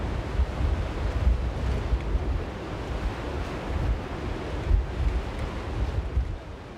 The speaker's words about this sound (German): Und jetzt ist eben wieder so ein Sturm unterwegs, wo man mit hohen Wasserständen rechnen kann.